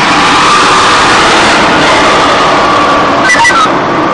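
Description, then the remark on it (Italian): A fire truck engine idles with a steady, loud rumble, mixed with dense background noise and a brief higher tonal whine near the end, as firefighters check the scene after a fire. “Apparentemente, ma i pompieri hanno già la situazione sotto controllo. Stanno verificando. Ecco il camion.”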